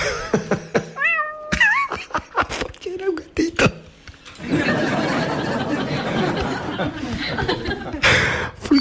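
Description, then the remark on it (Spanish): A kitten gives a few short, high-pitched meows, followed by several seconds of loud, rough chatter and laughter. “Gatito ahora, ¿cómo?”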